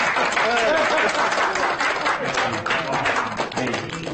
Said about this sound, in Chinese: 新郎新娘到，来来来， 我这得鼓鼓掌。哎， 欢迎欢迎欢迎！